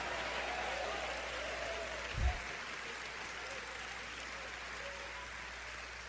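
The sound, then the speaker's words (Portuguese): An audience claps steadily throughout as strong applause of praise to God during a sermon, a dense, continuous wash of many hands, with one brief low thump partway through and no voices standing out. “E dê-lhe um lindo louvor com palmas fortes, amado.”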